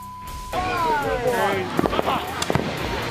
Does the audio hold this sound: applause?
no